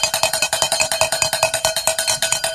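A cowbell rung during a fundraising broadcast to mark donations rings in a fast, steady run of bright metallic clanks, roughly eight strikes a second, loud and continuous with no voices over it.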